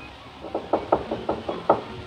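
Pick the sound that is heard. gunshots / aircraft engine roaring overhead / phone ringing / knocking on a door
knocking on a door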